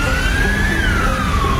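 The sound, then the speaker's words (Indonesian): An ambulance siren wails in a single slow rise and fall, loud, over a steady rumble of road traffic noise. “Nah, ini nih kesempatan. Ikutin belakang ambulans aja deh biar cepet.”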